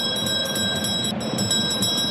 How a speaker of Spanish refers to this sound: Porque, atención, perrito, haga sonar la campana porque hemos llegado a los 30 minutos de este primer tiempo en el Gallardo.